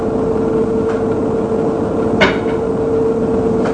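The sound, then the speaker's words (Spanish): A few dry, hollow taps of a man's wooden peg leg on the floor as he walks away, heard from the other side of a door, unevenly spaced, over a steady low mechanical hum with no voices. “Mi oído agudizado por la necesidad percibe el ruido seco y acompasado de su pata de palo.”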